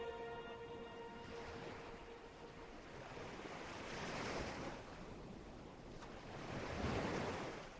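Ocean waves wash onto the shore in a steady roar of surf, swelling into two louder breakers, with a faint tonal hum at the start and no voices.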